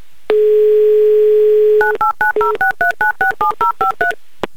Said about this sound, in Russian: Так, номер набрали. Будем ожидать соединения. Гудки пошли. 30 секунд у нас, чтобы послушать.